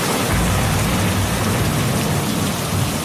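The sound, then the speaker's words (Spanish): A steady downpour of heavy rain from a sudden thunderstorm hisses loudly, with a deep rumble of thunder rolling underneath throughout; no voices are heard. “A ver, bueno, vaya, pues o es una tormenta muy repentina”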